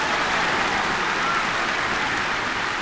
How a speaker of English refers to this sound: Thank you, fans. Yeah. Nice to have a round of applause to walk into the studio.